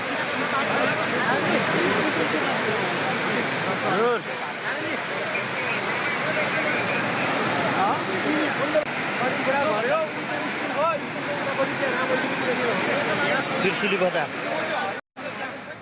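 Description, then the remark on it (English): Loud, steady roar of floodwater rushing through the streets and buildings of the Trishuli area in Nepal, a dense continuous wash of churning water with a babble of voices faintly mixed underneath, cutting off abruptly near the end. “Meanwhile, Nepal's Trishuli area is completely inundated with flood water sweeping through streets and buildings.”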